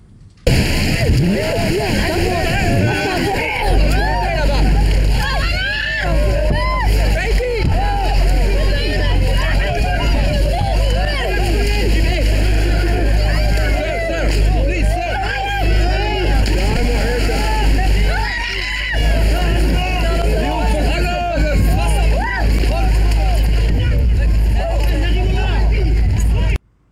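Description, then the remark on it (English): A small boat's engine drones steadily while many people shout and call out over splashing surf on the English Channel coast, as a man carrying a baby wades out into the water to get on the boat; a continuous, loud and chaotic scene at the water's edge. “A man wades out into the water to get on the boat.”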